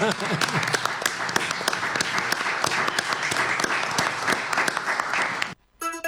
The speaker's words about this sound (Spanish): Bien, ¿quién aplaude a quién? Nosotros. A ver.